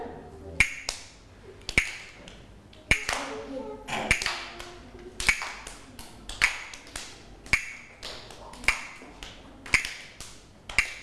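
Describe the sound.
A slow, steady beat of sharp finger snaps, about ten evenly spaced clicks roughly one second apart, played by a teacher as a slow rhythm for children's movement exercises, with a faint voice murmuring in the background between them.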